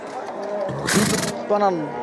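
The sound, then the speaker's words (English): A wild horse that hates being tied up lets out a harsh, noisy snort, then a short wavering whinny, fairly loud, with a restless background beneath it. “That's a wild horse. It hates being tied up.”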